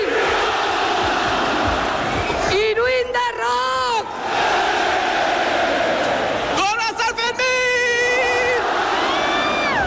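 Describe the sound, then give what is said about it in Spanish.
A dense crowd roars and cheers continuously at the noon rocket launch that opens the Sanfermines festival in Pamplona, with loud rising whoops and shouts bursting out twice above the steady wall of voices. “han prendido a las 12 del mediodía la mecha del cohete con el que han dado comienzo los Sanfermines.”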